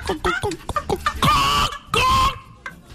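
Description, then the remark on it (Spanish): A person imitates a hen with a quick series of short, clucking bursts followed by two longer, drawn-out squawking clucks, loud, with no other talk. “No, yo hago la gallina.”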